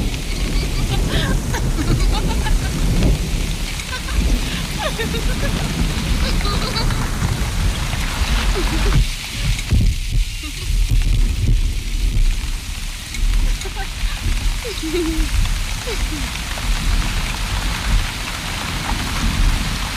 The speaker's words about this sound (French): Ne restez pas sous la pluie, vous allez prendre froid.